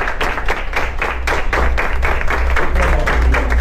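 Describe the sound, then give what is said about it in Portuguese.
Hospital staff in Brazil applaud together to mark another organ retrieval for donation, a steady dense patter of many hands clapping at a fairly loud, even level throughout, with no voices standing out. “Os aplausos anunciam mais uma captação de órgãos.”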